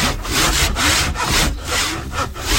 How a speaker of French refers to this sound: La lime, la râpe, ouais. Tu dégrossis là, et après à la ponceuse, enfin main, tu viens comme on a fait la dernière fois.